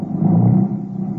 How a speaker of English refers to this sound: Then the car moved on.